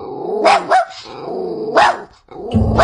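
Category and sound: animal, puppy barking and growling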